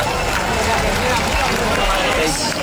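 A rough, low-quality live concert recording shared on social media, where muffled music and a dense wash of crowd voices blend into one loud, steady roar with no pauses.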